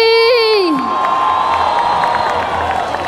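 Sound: crowd applause and cheering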